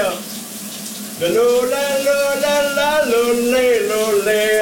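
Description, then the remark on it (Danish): A shower hisses steadily in the background while a man in the shower sings a wordless, wavering melody, his voice echoing slightly over the constant rush of water. “kom simpelthen frem i dagens brusebadshit”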